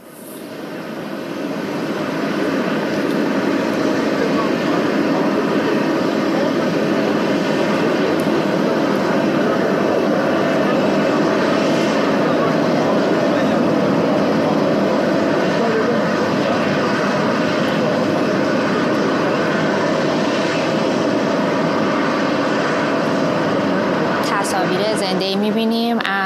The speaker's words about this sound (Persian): تصاویر زنده ای میبینیم از آنکارا، هواپیمای فورس وان، هواپیمای ایر فورس وان، هواپیمای رئیس جمهور آمریکا همکنون بر زمین نشست.